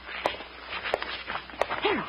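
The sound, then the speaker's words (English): Three soft, evenly spaced tiptoeing footsteps going to a cellar door, each a short muted tap in a slow, cautious rhythm, over faint rustling of starched pajamas and a brief low murmur near the end. “Now we'll go to the cellar door and listen. Yeah, all right. Now let's tiptoe.”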